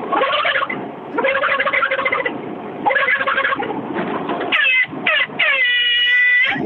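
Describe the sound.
A person imitates a turkey gobble: several loud, rapid warbling bursts with brief pauses between them, ending in a higher, sustained quavering call. No other talking is heard.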